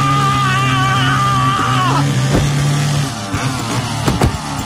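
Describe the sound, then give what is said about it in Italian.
A chainsaw inside an isolated, cellophane-covered shack in the woods drones steadily with a loud buzzing whine that dips in pitch partway through, then the motor fades and a few sharp clattering knocks follow. “Scende all'interno la motosega, guarda che fa rumore, poi rimane tutta la stanza.”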